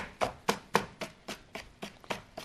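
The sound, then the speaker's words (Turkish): A knife chops a capia pepper on a board in steady, evenly spaced strokes, about ten crisp cuts with no talking. “Şöyle kapyamı da doğruyorum gördüğünüz gibi efendim.”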